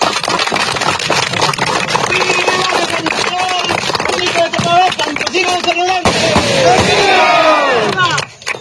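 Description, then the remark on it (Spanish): A large crowd applauds and cheers loudly, with overlapping shouts and whistles rising above dense clapping, sustained for several seconds before tapering off at the end. “¡Ahora! Un fuerte aplauso.”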